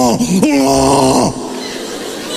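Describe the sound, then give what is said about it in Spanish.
A voice mimics a small boy's wailing cry, a drawn-out, wavering whine with a sharp upward jump partway through, loud, fading into a rougher tail after about a second. “¿Tú te imaginas ese niño llorando cuando era chiquito?”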